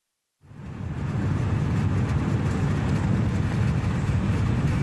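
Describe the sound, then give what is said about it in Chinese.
A high-speed train running from Paris to Besançon in eastern France runs with a steady, heavy rumble and broad whooshing roar that kicks in abruptly after a brief silence and holds loud and constant throughout, with no voices. “从巴黎乘坐高速火车2个半小时，就可以到达法国东部的贝桑松。”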